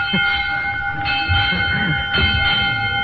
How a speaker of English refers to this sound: All right, there goes the bell, children, and that means that school is over for today.